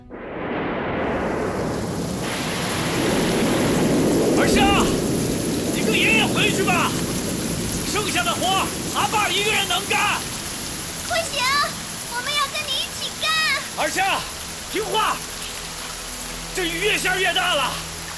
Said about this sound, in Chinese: 这雨越下越大了